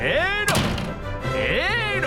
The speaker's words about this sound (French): Moi aussi je peux en claquer des portes. Il y en a plus de 2000 des portes à Versailles. Et oui, j'ai l'embarras du choix. Et voilà une porte. En veux-tu une autre ? En voilà une porte.